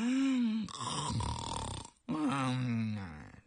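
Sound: voice imitating snoring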